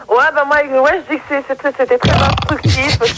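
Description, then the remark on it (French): A voice talks briefly, then a long, loud, rumbling burp bursts out, harsh and gravelly, lasting over a second. “tu nous as roté la gueule.”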